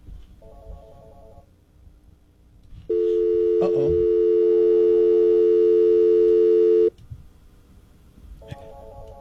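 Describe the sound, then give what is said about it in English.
A telephone line failing to connect: short electronic beeps, then a loud, steady phone tone droning for about four seconds before cutting off, followed by another brief beep over faint background noise. “Okay, phone line's not working here.”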